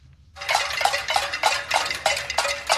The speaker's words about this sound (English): Hundreds marched in the streets of the capital of Havana overnight, banging pots, burning trash, and shouting, "Turn on the lights."